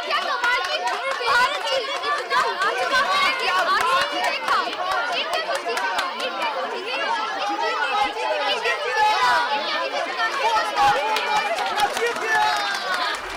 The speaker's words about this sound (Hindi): Anushka भीड़ की बातों को ध्यान से सुन रही थी।